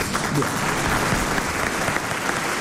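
A steady wash of audience applause, many hands clapping densely and continuously at an even loudness for a few seconds, with no clear voices standing out.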